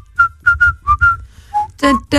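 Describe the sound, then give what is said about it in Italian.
A person whistles a quick tune of about six short, bright notes, clear, followed by two brief bursts of voice at the end. “Che cos'era che fischiava? Ero io che gli facevo il limbo sotto.”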